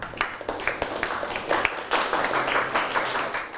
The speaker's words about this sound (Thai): ได้ปรบมือให้เพื่อนหน่อยครับ